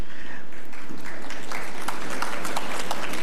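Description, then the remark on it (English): At a CBU media awards ceremony, a crowd claps in a dense, steady patter of many hands, fairly loud and building slightly, applauding the new award categories for media and communication students. No voices rise above the applause. “Yes, applaud that.”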